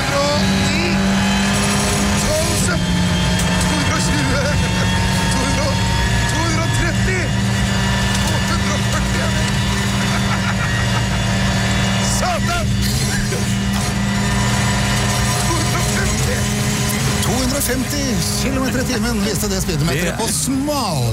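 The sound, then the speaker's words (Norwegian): A WRC rally car engine roars continuously at high speed on Golsfjellet in winter, loud, with steady revving and shifting pitch as it accelerates, overlaid by rushing road and wind noise. “Nå var det riktig nok en bil ikke lagd for noen i baksetet. Det var jo en ordentlig VRC-bil.”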